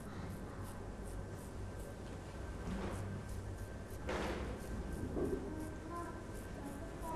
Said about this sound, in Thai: ดีดสีเด็กๆดีดให้หันแปลงเข้าไปที่กระดาษนะลูกเพราะว่าถ้าหันแปลงออกมาสีจะกระเด็นมาโดนเสื้อเด็กๆได้นะคะ